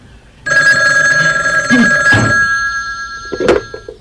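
A telephone rings in one long, continuous bell-like trill with a bright, steady pitch, interrupted by a couple of soft knocks and clatters before it fades out.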